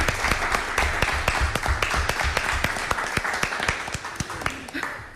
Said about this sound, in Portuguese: Um aplauso para todos.